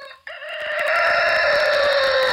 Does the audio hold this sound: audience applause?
no